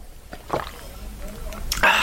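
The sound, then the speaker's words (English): Someone drinking milk: a soft liquid slosh, then quieter gulping, and a louder wet slurp or swallow at the end. No one speaks. “Okay, hang on a second, I'm just gonna drink some milk.”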